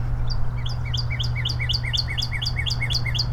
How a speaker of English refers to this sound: Oh, hi, birdie. There's a birdie right there in the tree.